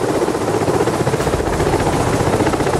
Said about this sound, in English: Well, as we go back towards Kathmandu, there's a helicopter right there. It's got dead bodies slung underneath it, is what we're told. The mortal remains of people who've lost their lives being taken by helicopter right up there to our side.